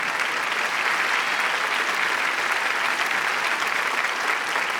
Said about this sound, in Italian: Volevo interrompere l'applauso, continuate.